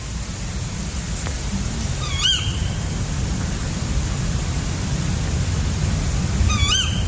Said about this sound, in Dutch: Vannacht, woensdagochtend 5 augustus, hoorde ik rond 3 uur de roep van dit schorre bosuilmannetje hier in Keerbergen, in de buurt van Mechelen. Gevolgd door de contactroep van het vrouwtje.